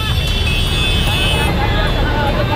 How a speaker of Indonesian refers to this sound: Viral video drone kemacetan parah di jembatan Rorotan, Cilincing, Jakarta Utara, Senin pagi.